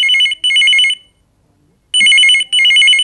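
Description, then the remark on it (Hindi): A telephone rings for an incoming listener call to the Hello Akashvani phone-in programme on Akashvani Chhindwara radio: two bursts of a warbling electronic trill, a pause of about a second, then two more bursts, loud with no talking. “आकाशवाणी छिंदवाड़ा में आपका फोन मिला है, कौन बात कर रहे हैं?”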